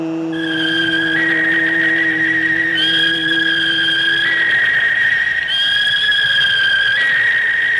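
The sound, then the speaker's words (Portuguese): A hawk screech sound effect, the 'Gavião do Escrete de Ouro' fired from the sound machine of Rádio Jornal during a football match broadcast: a loud, shrill, unbroken cry held for several seconds, stepping up and down in pitch a few times, with no talking over it. “Aldo Leite na máquina de som da Jornal tá soltando para você, acionando o Gavião do Escrete de Ouro.”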